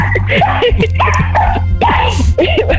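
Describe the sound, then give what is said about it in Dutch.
A dog named Spikkie barks and yips in the background of a radio caller's line in a string of short, quick bursts, some with a whining edge, over a steady low hum. “Maar het is een hond of een papegaai op de achtergrond”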